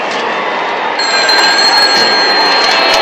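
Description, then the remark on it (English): A telephone rings with a bright, rapidly trilling bell that starts about a second in and continues steadily over a loud, hissy background, with no one talking. “Phone for you, Madison.”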